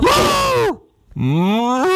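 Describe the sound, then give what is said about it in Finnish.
A person imitates a cow mooing in a raised, higher pitch, two drawn-out vocal moos with gliding tones separated by a short pause, loud with no other talking. “Sitä voisi vähän niin kuin sävelajilla nostaa tuota lehmää, niin olisiko se sitten, ota.”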